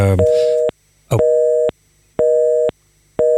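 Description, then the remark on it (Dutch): A telephone busy tone sounds after a call drops: steady, loud electronic beeps repeating in an even on-off rhythm, with a brief burst of voice at the very start. “Er gaat iets mis met de telefoonverbinding.”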